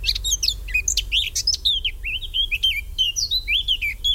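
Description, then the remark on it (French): A Eurasian blackcap sings a rapid, continuous warble of varied high, fluting notes and quick chirps, fairly loud over a low steady rumble, with no one talking. “L'oiseau numéro 8, c'est la fauvette à tête noire, c'est l'oiseau qu'on entend le plus chanter en ce moment, donc qui est sédentaire.”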